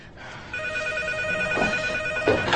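A telephone rings with a steady electronic tone that starts abruptly and holds, fairly loud and close, over a low background murmur with no speech.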